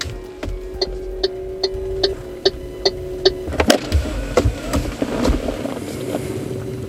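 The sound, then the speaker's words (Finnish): A car engine hums steadily while a regular ticking clicks along, then the engine swells louder and rougher as the car pulls away and drives off east toward Sipoo. No one speaks. “Eli, auton nokka kohti itää ja menoks.”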